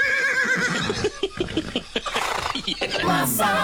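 A horse whinnies loudly, its shrill, wavering call rising and falling over a few seconds, with snorting and breathy bursts in between and another quivering neigh at the end.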